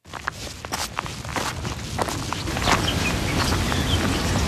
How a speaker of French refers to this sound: On entend les oiseaux qui chantent, les feuilles qui craquent sous les pas.